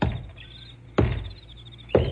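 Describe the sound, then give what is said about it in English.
Three solid knocks on a wooden door, spaced about a second apart, each a sharp thud with a short resonant ring, as someone knocks at Squinty's home to let him know they are there. No voices, just the knocks against quiet. “Guess I better knock and let him know I'm here.”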